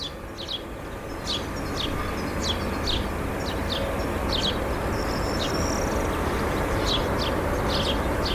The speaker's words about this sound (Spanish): Sonidos habituales de esta primavera, trinos de pájaros recogidos esta mañana en el concejo de Villoda.